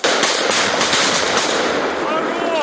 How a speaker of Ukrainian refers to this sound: Постріл!